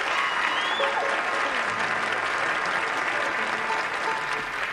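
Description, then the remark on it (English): Audience applause for Uncle Josh at a band's show fills the moment, a dense, steady wash of clapping hands that holds at an even loudness for several seconds with a faint murmur of voices beneath. “How about a nice hand for Josh?”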